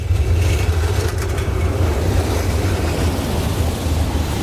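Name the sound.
busy city junction traffic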